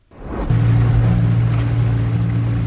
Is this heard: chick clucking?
no